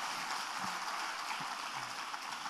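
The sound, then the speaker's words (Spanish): A church audience applauds the Lord before sitting down, a dense, steady wash of many hands clapping at once that holds an even loudness throughout, with no voices rising above it. “Dale un aplauso al Señor antes de sentarte.”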